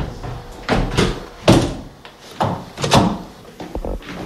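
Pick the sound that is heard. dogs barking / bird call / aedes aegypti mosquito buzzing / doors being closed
doors being closed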